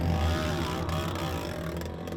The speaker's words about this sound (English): I'm just here above Dark Canyon and I can hear one of the bikes sounds really funny. It looks like somebody's maybe ripped an exhaust off or something like that.